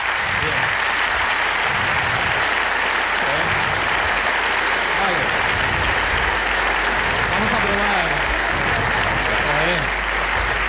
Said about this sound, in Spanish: Por intensidad también nos sirve, pero vaya, el largo ha sido bastante largo. Vamos a probar con... Pero no habían parado de aplaudir, ¿eh?